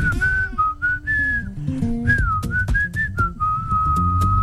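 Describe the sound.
A singer whistles the catchy melody of his own pop hit, clear, with sliding and held notes moving through a steady tune over a backing track of music and beats.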